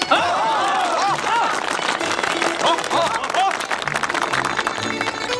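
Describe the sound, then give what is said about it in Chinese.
A crowd claps and applauds in a steady, dense wash of sound, with a few cheerful voices calling out over the clapping throughout, applauding a couple declared fit to be married. “事实证明啊，这二位完全可以结为夫妻。鼓掌！”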